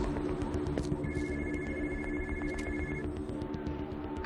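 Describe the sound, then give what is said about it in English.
A phone lying under a truck rings with a steady electronic tone for about two seconds, nearly buried under a loud, constant low engine rumble, with no one speaking. “She ditched the phone under the truck.”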